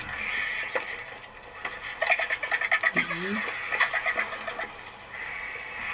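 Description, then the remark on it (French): A vulture gives a single short, sharp sneeze partway through, heard against a busy outdoor backdrop of rhythmic bird chatter and a steady high-pitched hum. “C'est un vautour qui éternue.”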